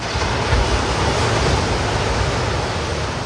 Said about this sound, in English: That's one of the sounds of my summer, early morning waves at a patch of public sand at South Walton Beach in Florida.